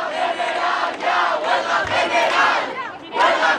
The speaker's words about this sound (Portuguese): Os manifestantes gritaram palavras de ordem, sentaram-se no chão, pegaram nos telemóveis. Conhecido o primeiro veredito, levantaram-se e gritaram em jeito de apelo por uma greve geral.